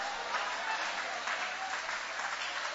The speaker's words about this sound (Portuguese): Levanta a mão e vai aplaudindo, levante a mão e vai adorando.